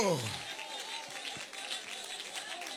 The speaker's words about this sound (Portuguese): Cadê o glória a Deus? Mais forte, mais forte, mais forte, mais forte, mais forte. Palmas e glória, palmas e glória, palmas e glória. Glorifica a Deus mesmo.